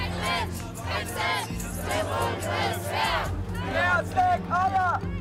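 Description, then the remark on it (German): A large crowd of school students chants together at a protest against military service in Hesse, Germany, in loud, rhythmic bursts of shouted voices, with a steady roar of crowd noise underneath and the chants rising and falling in repeated phrases. “Die Stimmung ist laut, die Botschaft ist klar.”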